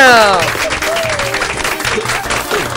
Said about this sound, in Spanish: Ahí lo tenemos, señoras y señores, un aplauso apoteósico para todos ustedes.